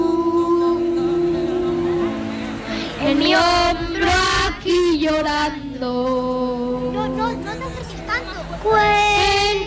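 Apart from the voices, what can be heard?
young child singing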